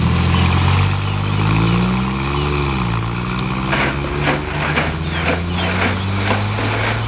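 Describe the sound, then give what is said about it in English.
Peter's car, in which Rowley arrives: the engine hums steadily, its pitch rising and then dipping as it shifts, before settling into a steady drive with some rattling noise toward the end. No one speaks. “Was that his car you came in?”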